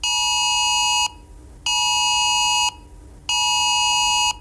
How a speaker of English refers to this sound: It's the government issuing a severe alert to mobile phones to warn of a very high risk of wildfires and tell people not to undertake any activity which could start a fire